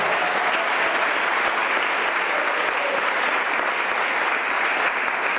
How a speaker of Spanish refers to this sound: Vamos, aplauda al Rey de Gloria.